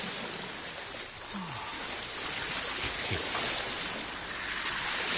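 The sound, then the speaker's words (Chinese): A steady, full rush of flowing water from a shallow river outside a city wall, risen high and flooding almost the whole south of the city, runs throughout, dense and continuous with no pauses, like a swollen current. “城外浅河河水高涨，差不多淹没咗整个城南就。”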